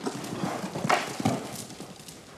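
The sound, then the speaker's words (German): Hooves clip-clop steadily on the ground as a horse walks ahead of a handler holding a rope, a moderate, regular series of footfalls with faint background noise. “Jetzt hast du den überzeugt, dass du in Ordnung bist als Leithengst.”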